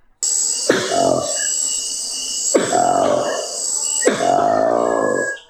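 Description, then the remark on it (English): A newly discovered monkey species from deep in the jungle of the Democratic Republic of Congo, weighing about 7 kilograms and living high in the treetops, gives three loud, croaky, grunting calls, each rising then falling, spaced about two seconds apart over a steady high-pitched buzz of background noise. “Well, no, that's actually a new species of monkey discovered deep in the jungle of the Democratic Republic of Congo.”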